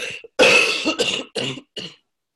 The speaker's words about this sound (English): Excuse me, I just have to cough.